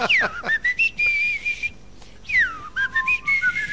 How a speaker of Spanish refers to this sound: Tendría yo que silbar, mira.